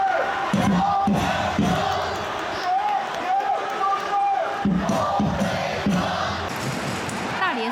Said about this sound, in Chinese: 最著名的北畔台声浪从未停歇，他们的歌声掌声不止给主队，也送给了客队。